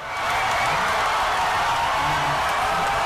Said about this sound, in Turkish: Nefesler tutuldu, eyalet seçimi sonuçları ekrana yansıdığındaysa gergin bekleyiş yerini sevinç çığlıklarına bıraktı.